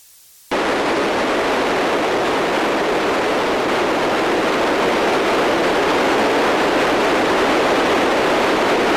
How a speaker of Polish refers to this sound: To szum FM-owy, zwykły szum, taki szum jałowy.